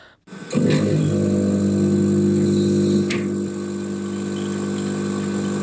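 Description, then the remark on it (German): A coffee machine in a lab of the Klinikum of the Technical University of Munich starts up after a brief pause and runs with a steady, loud mechanical hum and whir. A click comes about halfway through, then it keeps droning slightly quieter. “Das ist einfach eine Kaffeemaschine, die da läuft, oder?”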